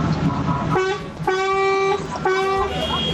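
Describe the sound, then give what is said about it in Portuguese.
Car horns honk three times in quick succession, a short blast, a longer sustained one, then another, loud over a steady rumble of street noise. “É, cara, os caras tá buzinando, né?”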